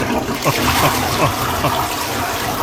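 A blocked toilet is flushed after boiling water from a kettle was poured in to clear it, giving a loud, steady rush of water, a continuous churning gush lasting the whole moment with no talking over it.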